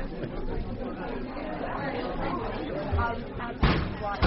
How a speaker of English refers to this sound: That's him over there hitting the coffee machine.